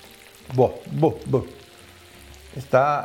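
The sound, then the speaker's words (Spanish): Empanadas frying in hot oil give off a steady sizzling hiss throughout, while a man's voice speaks a few short phrases over the crackle. “Así es que, nada, voy a ir friendo”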